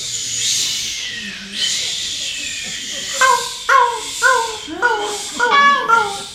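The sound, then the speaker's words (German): An audience imitates waves washing onto a beach with swelling, breathy shushing, followed by a run of about six short, rising-and-falling vocal cries layered over the hiss. “So Wellen, die an einem Strand stoßen. Was machen denn Wellen? Genau. Gebt uns mal die Welle.”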